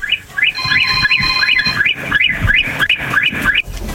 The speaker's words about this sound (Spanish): Va, carnal, ocupo por favor que me des 17 bocinazos cortititos. Pero ya, vámonos, 17.